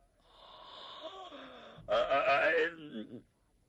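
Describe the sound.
A man's voice imitates a long yawn by Zhang Xiluan, starting with a drawn-out breathy intake and swelling into a louder, voiced groan that trails away. It is alone, with no other talking.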